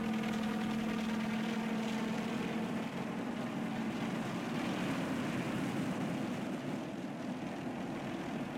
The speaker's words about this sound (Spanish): aire expelido por las aspas del helicóptero levantaba fuerte oleaje que hacía estremecer a las rústicas embarcaciones. Luego, con precisión absoluta, el helicóptero se posó suavemente sobre el mar, como gigantesca avispa fatigada por un largo viaje.